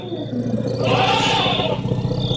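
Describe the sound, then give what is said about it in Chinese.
Fighting elephants, with another elephant joining the fray, let out a loud, sustained bellowing roar that swells to a peak midway, with deep rumbling beneath, continuous for a couple of seconds. “又来了一头大象加入混战。”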